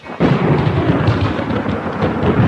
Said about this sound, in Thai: อะไรกันเนี่ยต้นไม้ของฉันต้นไม้ของฉันถูกฟ้าผ่าซึ้นแล้ว ตายจริงต้นไม้ขนมกลายเป็นปอตะโกไปซะแล้ว